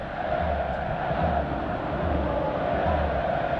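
A dense, steady roar from the football crowd at the Camp Nou during a match against Rayo, with a rhythmic chant of "madridista qui no voti" pulsing in regular beats about every three-quarters of a second, loud and unbroken throughout.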